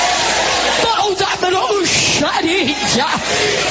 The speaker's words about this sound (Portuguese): pode gritar, queima, toda maldição que você ganhou para matar ela, foi renovado nessa terra, levanta a mão e grita, queima.